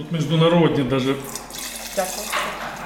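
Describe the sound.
Pinot Noir wine runs from a steel tank tap into a glass at a vineyard outside Kyiv, a steady splashing pour with a gurgling rush, while a voice murmurs near the start.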